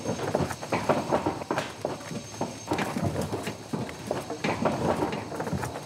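A second cow's hooves clomp heavily and irregularly up a hollow-sounding livestock trailer ramp, a steady run of loud thuds and knocks with no voices, as the cow is loaded to be taken to the slaughterhouse.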